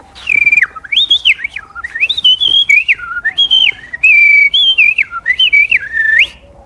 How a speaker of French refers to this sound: Oui, il y a un merle d'ailleurs. Il est où? Oui, il est là.